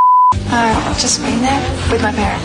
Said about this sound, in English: Correctly tell us what word is beeped out and $200 will be in your bank account.